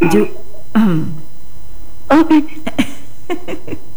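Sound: throat clearing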